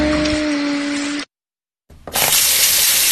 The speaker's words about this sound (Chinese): 一个关不紧的水龙头，一个月流掉1到6立方米水